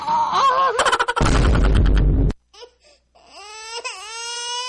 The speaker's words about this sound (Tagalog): naunsa naman yung anak na ako, uy. Magsigig hilak, umurag, dili komportable, matag-adlaw.